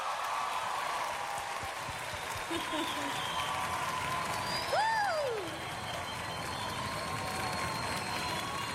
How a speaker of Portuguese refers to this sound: Eu gostaria de receber com muito carinho, com aplausos de todos vocês, …!